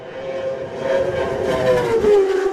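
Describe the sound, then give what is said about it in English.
A racing motorcycle in a Senior road race screams across the line at high revs, its whine holding steady before dropping in pitch as it sweeps by, loud and continuous with no voices. “I can hear the revs rise once more. Next machine should be Michael Dunlop. Let's have a listen.”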